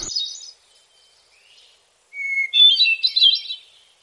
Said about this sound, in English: So that's one of the most beautiful bird songs ever. I think possibly everybody's favorite, or everybody's one of the top three, the hermit thrush. And we have them all over our region, all, you know, northern North America.